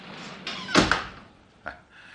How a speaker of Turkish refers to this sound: Kapıyı da kapatayım.